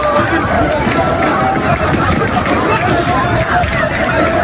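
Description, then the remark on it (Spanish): A dense crowd of migrants in Ceuta churns with overlapping voices, shuffling feet and rushed movement, a constant loud jumble of commotion that never settles, as people run and fall while agents line them up. “Hay carreras, hay caídas, hay porrazos, claro, es una situación complicada”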